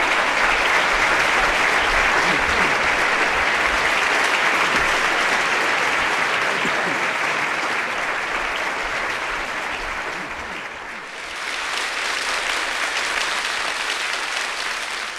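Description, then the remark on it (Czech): Sustained audience applause fills the whole recording, a dense wash of many hands clapping, dipping briefly near the end before swelling again. “Aplaus.”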